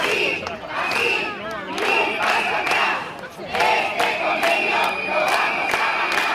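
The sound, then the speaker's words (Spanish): Hundreds of striking workers in Aragón, Spain, occupy the roadway for half an hour, chanting loudly and continuously in Spanish "este convenio lo vamos a ganar" over a collective agreement, on the fourth day of an indefinite strike. Voices rise and fall in rhythmic bursts, with occasional whistles piercing through the roar. “Durante media hora, centenares de personas han ocupado la calzada al grito de "este convenio lo vamos a ganar".”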